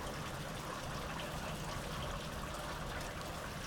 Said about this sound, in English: You are listening to Framework, coming to you here from the summer rains of Southeast Estonia.